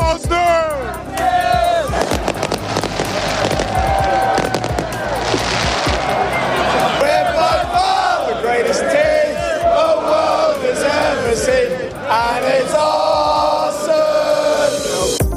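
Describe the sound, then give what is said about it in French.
A loud crowd of Arsenal football supporters in England, celebrating the club's Premier League title, cheers and chants continuously, voices rising in sustained shouts, while fireworks burst repeatedly through the noise in sharp crackling bangs and pops. “Et ça, ça fait très, très plaisir aux supporters.”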